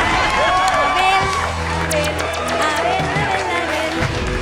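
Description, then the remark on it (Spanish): An audience applauds steadily after a correct answer, sharp claps blended with cheering and overlapping voices in a dense, loud wash of crowd noise that holds level for the whole stretch. “¡Aplauso enorme!”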